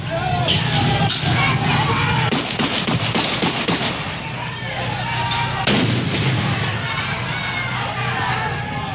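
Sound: gunshots and explosions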